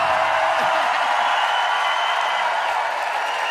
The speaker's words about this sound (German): Macht mal Applaus für alle, die vom Radio sitzen gerade.